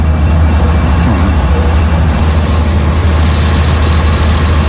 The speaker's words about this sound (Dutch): Generatoren. Heel de straat staat vol. Alle restaurants zijn open, alle winkels zijn open. De mensen moeten overleven, maar er is geen elektriciteit. Dus elke winkel, elk restaurant heeft een generator buiten staan.